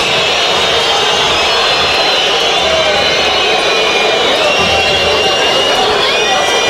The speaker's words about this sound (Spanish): Silbatina generalizada. Los jugadores de Independiente se quieren ir lo más rápido posible. Silbatina para este bravo momento de Independiente, que perdió 4-1 con el Instituto.